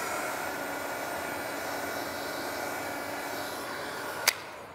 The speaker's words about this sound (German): Letzte Handgriffe an der Probefläche für die Denkmalschützer. Das finden immer hier unsere Baustellenkollegen mit am lustigsten so, dass wir hier mit dem Föhn arbeiten.